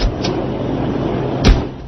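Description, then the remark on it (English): A door opens and shuts over a steady low rumble, with a faint click early on and a sharper, louder knock near the end. “Here, step outside this door.”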